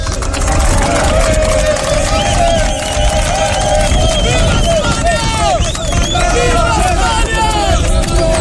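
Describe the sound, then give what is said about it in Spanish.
A crowd of North African migrants shouting and calling out at once at the gates of the holding area at Loma Colmenar, a loud, continuous hubbub of overlapping raised voices with no single speaker standing out. “A las puertas gritaban...”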